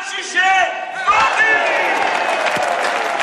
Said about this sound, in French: on va tous crier ensemble.